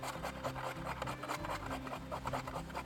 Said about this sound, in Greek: Τρίβουμε μία πατάτα.